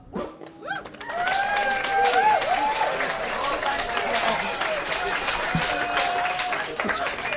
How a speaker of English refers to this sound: because I'm tired, everyone's sick of clapping.